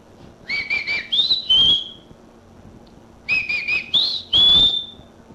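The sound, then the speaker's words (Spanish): A person whistles a call twice to summon someone: each phrase has a few quick repeated notes followed by longer, rising tones. The whistle is loud, with a quiet pause between phrases and no talking. “Le salió bonito, mire. Y nada que se asoma. Chíflele bonito, hombre.”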